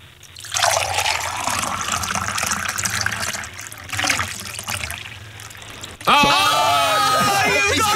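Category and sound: water being poured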